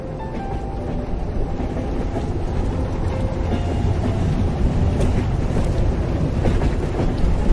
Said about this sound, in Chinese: 请想象，您正坐在一节摇晃的车厢里，窗外是冬季的喧嚣，但随着列车哐当哐当有节奏的前行，它一头扎进了一条长长的隧道，周遭瞬间陷入一片黑暗与轰鸣，空气也变得沉闷。